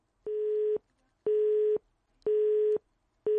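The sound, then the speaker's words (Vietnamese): A telephone busy signal on a failed call connection to a radio listener: a steady tone pulsing on and off about once per second, four beeps in a regular rhythm, clear and alone with no voices. “Ồ, như vậy là thêm một lần nữa lại có trục trặc về tín hiệu kết nối.”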